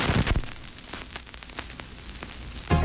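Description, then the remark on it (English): Vinyl record crackle before an album begins: a soft hiss dotted with irregular sharp pops and clicks for nearly three seconds, then music abruptly begins right at the end. “The click of a cassette, the whir of a CD player, the crackle before your favorite album begins.”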